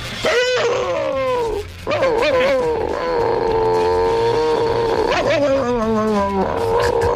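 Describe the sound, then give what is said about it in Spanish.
A person imitates the bark of the neighbour's chihuahua, Klotsky, with a few loud, whiny yelps, some drawn out with sliding, falling pitch, one long sustained cry in the middle. No speech accompanies it. “Y le hacía el mismo ladrido que hacía él, que era una cosa como esta.”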